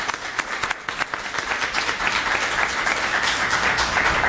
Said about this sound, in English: And I want the audience to give a special round of applause for those folks here. Thank you.